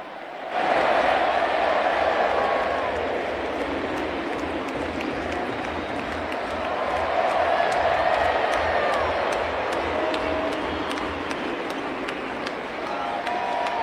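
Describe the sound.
A huge stadium crowd chants 'olé, olé, olé' and 'Dibu, Dibu' in steady rhythmic unison for goalkeeper Dibu Martínez, with cheering and applause swelling throughout, a dense roar of many voices continuous from start to finish.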